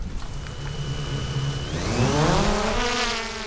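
A camera drone's propellers whir up, a steady, close buzz that climbs sharply in pitch as the motors spin up, then holds at a loud, insect-like drone with no voices.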